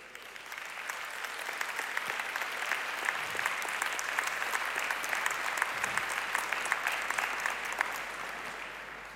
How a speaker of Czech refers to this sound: Ten potlesk patří pánovi, to víme.